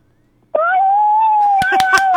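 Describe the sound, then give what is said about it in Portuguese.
A child, asked how the wolf goes so the clown Palhaço Maionese can hear, imitates a wolf howl with one long, high-pitched wail that rises slightly and then holds steady. It is loud, with a few sharp clicks near the end. “Como é que faz o lobo pro Palhaço Maionese ouvir?”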